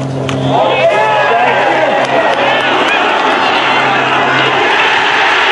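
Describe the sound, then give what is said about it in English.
A large crowd erupts in a sustained, loud roar of cheering and shouting after Christy O'Connor's second golf shot, the dense wall of voices holding steady for several seconds with a low hum underneath. “Here's now the roar we heard Christy O'Connor on tape.”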